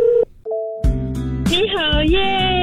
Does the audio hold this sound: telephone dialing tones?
yes